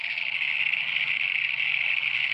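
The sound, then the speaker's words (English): A dense, unbroken chorus of many frogs at Green Hill Lake near Ararat after rain, recorded while camping, their overlapping high-pitched trilling calls merging into a steady, loud buzzing drone with a fainter low throbbing beneath, and no voices. “We were camping last weekend out of Ararat, at a place called Green Hill Lake, and I took a recording of all the frogs.”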